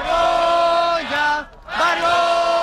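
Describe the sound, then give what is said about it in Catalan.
A protest crowd at a tenants' union assembly in Plaça Catalunya, Barcelona, on Thursday night shouts "shame" together in unison after hearing of Junts' rejection of the housing decrees, loud drawn-out voices that dip and break briefly in the middle before the chant surges back at full strength. “Crits de vergonya quan el sindicat de llogateres ha anunciat a l'assemblea que s'estava fent aquest dijous a la nit a Plaça Catalunya el rebuig de Junts als decrets.”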